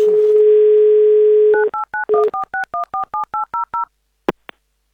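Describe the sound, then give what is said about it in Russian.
A steady telephone dial tone hums, then a quick run of about a dozen evenly spaced touch-tone dialing beeps at varying pitches as the Avtoradio station calls a listener back after a bad connection, followed by two faint clicks and silence. “надо перезвонить Евгению. Давай перезвоним.”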